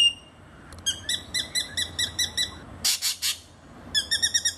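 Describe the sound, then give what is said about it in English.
A spangled drongo calls: quick runs of bright, metallic ringing notes, broken by a few harsh, raspy chatters before the tinny notes start up again. There is no talking. “Oh, it's got to be the dastardly spangled drongo.”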